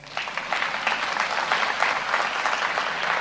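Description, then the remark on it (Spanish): An audience breaks into steady applause for themselves, many hands clapping together in a dense, sustained burst at an even, fairly loud level. “Pero un aplauso para usted mismo.”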